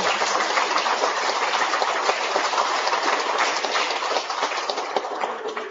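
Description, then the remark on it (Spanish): A crowd at a celebration in San Pedro applauds one of the first religious sisters to arrive there, steadily for several seconds, a dense, even wash of many hands clapping at once, loud throughout and easing off slightly toward the end, with no voices standing out. “Un aplauso grande para ellos.”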